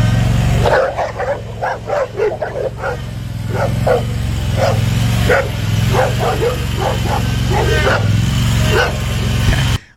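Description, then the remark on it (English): Four dogs bark and yip excitedly in quick, overlapping bursts as they circle a riding mower, over the steady low drone of its idling engine, fairly loud throughout. “I'm trying to get out of there to mow, and they're just circling me and stuff.”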